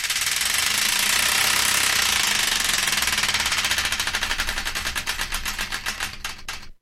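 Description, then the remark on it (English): A prize wheel, the radio show's Wheel of Destiny spun to choose a song, turns with a fast, dense rattle of clicks that gradually slows into distinct, evenly spaced ticks before stopping. Bright, sharp clicking with no voices. “So let's give the Wheel Destiny one final spin to find out the song that'll be taking us into the news and beyond.”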